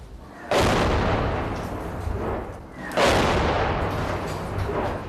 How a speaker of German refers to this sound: Das hört sich nicht an wie ein RPG. Ja, es ist zu laut. Vielleicht ein Panzer.